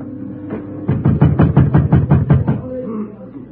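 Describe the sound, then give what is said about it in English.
A locked door being tried from outside by Krennic and three or four henchmen: a quick burst of about ten rattling thumps in a steady rhythm, fairly loud, with no voices and a low hum before and after. “Then I heard them try the door.”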